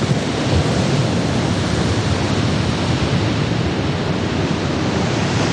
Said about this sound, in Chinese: 一望无际的大海上掀起狂风巨浪，将巨大的能量倾泻在支离破碎的爱尔兰岛西海岸上。怯懦者最好不要踏足于此。